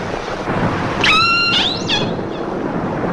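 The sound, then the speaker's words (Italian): A captive orca, one of the first orcas ever captured, lets out a shrill, harmonic scream that bends upward into a brief second cry, then fades, all over a constant rushing underwater hiss. “Tra i suoni marini più impressionanti mai registrati, queste urla disperate emesse da Namu, una delle prime orche marine che si sia mai riusciti a catturare”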